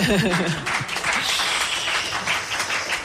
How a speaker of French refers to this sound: Et on peut les applaudir, on peut les applaudir.